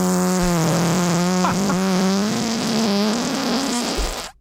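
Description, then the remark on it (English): A long, loud fart, the "sea bass fart" from March 2021, holds a steady low, buzzy pitch for over four seconds, its tone wavering and sputtering slightly before cutting off abruptly at the end. “Yeah, because we also have a sea bass fart in the Lloyd's.”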